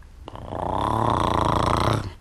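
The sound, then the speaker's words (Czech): A voice makes a low, buzzy drone in imitation of a bumblebee, holding one steady, rasping hum for about two seconds before it fades out. “Nejdřív jen z lehoučka zabručet, jako když bzučí čmelák.”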